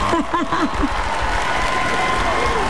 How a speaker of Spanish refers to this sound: Primero aplauso antes del regaño.